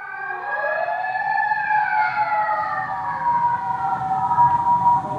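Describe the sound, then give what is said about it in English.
Several emergency vehicle sirens wail with slowly sweeping pitches over steady traffic rumble on a very busy street, loud, lasting throughout without any talking. “You want to wait till the sirens go over?”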